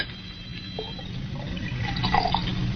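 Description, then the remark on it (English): Brandy is poured steadily back into a glass decanter, a continuous trickle and gurgle with a faintly rising ring as it fills, running alone for a few seconds. “Oh, then pour it back into the decanter.”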